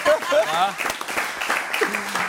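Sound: audience applause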